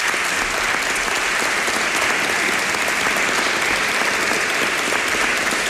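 Sustained applause from an audience at the Encuentro de las Cerveras, dedicated to journalist Ramón Fon, fills the whole stretch: a dense, steady clatter of many hands clapping at once, fairly loud, with no voices on top.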